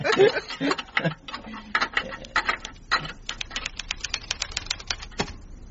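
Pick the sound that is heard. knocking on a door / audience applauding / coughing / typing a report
typing a report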